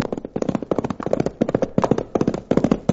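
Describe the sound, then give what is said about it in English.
Horse hooves clip-clop in a quick, steady rhythm as a saddled horse is ridden along trails from Dos Rios toward Mitt Cummings' ranch, a dense run of sharp knocking beats continuing throughout at a fairly loud level with no voices over them. “Throw a saddle on my horse and start burning up the trails which lead from Dos Rios to Mitt Cummings' huge ranch.”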